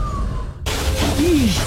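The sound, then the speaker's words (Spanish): A sudden, loud crash of shattering glass bursts in after a quiet moment, its bright debris lingering, with a short pained vocal cry rising and falling just after, depicting a waste collection worker being hurt by sharp objects such as broken glass. “Así suena cuando nuestros operarios se lastiman con objetos cortopunzantes como espina de pescado o vidrios.”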